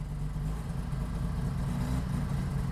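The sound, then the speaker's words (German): A classic NSU Ro 80 car engine idles steadily after being started with the ignition key, a low, even rumble with faint mechanical hum throughout, no voices present. “So, da ist er. Der RO80 ist ein Kultauto.”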